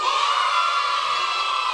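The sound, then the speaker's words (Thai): A group of schoolchildren in class shout "hey" together on their teacher's count of one, two, three to show they are ready, one loud, sustained cheer that holds steady for nearly two seconds, bright and high-pitched with no other talking. “พร้อมไหมคะถ้าพร้อมแล้วส่งเสียงเฮพร้อมกัน1 2 3”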